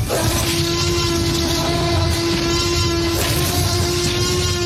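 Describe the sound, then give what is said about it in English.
A loud, sustained T-Rex dinosaur roar sound effect, made by combining the sounds of a dog, lion, tiger, alligator, whale and one other animal: a continuous rumbling bellow with a steady droning tone running unbroken for several seconds, heard alone with no talking. “The T-Rex roar was a combination of a heap of different things.”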